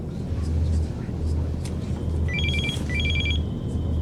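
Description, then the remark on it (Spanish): A telephone rings in two quick electronic trilling bursts aboard an airplane, over a steady low engine rumble that fills the background. “Nunca había visto este teléfono.”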